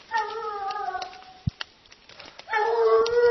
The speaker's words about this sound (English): on the hunt in the afternoon, we suddenly hear the sound of hunting dogs on the mountain. This is the most action we've gotten all day, and we hurry to the main trail. Did you hear him? The lead dog is right where we were. How do you know? Heard him.